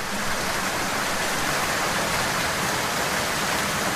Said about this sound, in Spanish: Basta que tengamos que salir de casa para hacer cualquier cosa y de forma inesperada, ¡ostras tú!, comienza a llover.